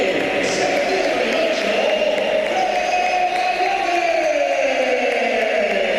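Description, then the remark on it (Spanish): A stadium crowd at the Bernabéu applauds Real Madrid's Fede Valverde as he is substituted in a match against Málaga: a loud, steady wash of clapping and roaring voices, unbroken for the whole six seconds, with a humming swell of crowd voices underneath. “Aplausos para Valverde, olvidado lo de aquellos meses atrás con esa pitada a Valverde, esas pitadas.”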